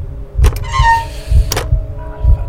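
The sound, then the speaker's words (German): An old iron door handle creaks with a thin, rusty squeal between two sharp mechanical clicks, over low dull thumps. Fairly quiet, with no voices. “Das rostige Quietschen erschien mir lauter zu sein als das Pulsieren meines Blutes, das mir durch die Ohren rauschte.”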